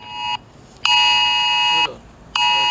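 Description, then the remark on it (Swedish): A harsh, steady electronic alarm tone with a rich stack of harmonics sounds in repeated bursts: a short blast, a long one of about a second, then another begins, separated by brief gaps. This is the emergency warning signal as it will sound on mobile phones at 15:00. “Vad tänker ni om det här att det kommer tjuta i telefonerna?”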